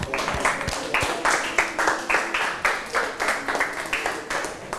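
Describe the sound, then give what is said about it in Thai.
Classmates in a class clap hands together for a fellow student in a steady, lively rhythm for about five seconds. The sharp, overlapping claps swell in regular bursts, with no voices over them. “เก่งมากปรบมือเพื่อนหน่อย”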